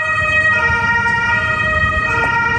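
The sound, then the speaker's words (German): Sirens of fire engines and ambulances blare steadily over the low rumble of idling engines at a collapsed residential building in the city centre of Görlitz, Germany, a sustained, layered wail that stays loud throughout. “Feuerwehren und Rettungswagen sind vor Ort.”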